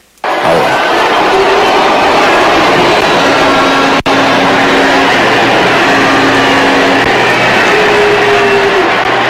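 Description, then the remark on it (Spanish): A large crowd loudly and continuously boos the state governor at President Sheinbaum's accountability report event, a dense roar with low, drawn-out vocal tones running through it, starting abruptly and holding steady for the whole stretch. “La están abuchando. Es un abucheo grande, ¿eh?”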